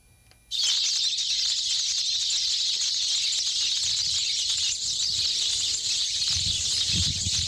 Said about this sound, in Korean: 두 번째 익숙한 참새 소리 들어볼까요?